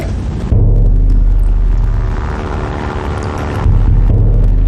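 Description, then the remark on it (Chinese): A loud, steady drone of an airplane engine passing overhead, with a deep throbbing rumble that swells slightly louder toward the end, heard alone without voices. “有飞机，隐蔽。”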